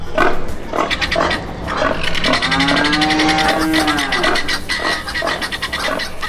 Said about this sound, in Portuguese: Galinhada no terreiro, mimosa, porcada com fome no chiqueiro, boi tufão tá aí também.